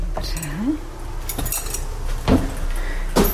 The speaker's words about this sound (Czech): Otevřu vám dveře do chaloupky a vy sama zjistíte, jaká je asi teplota vevnitř.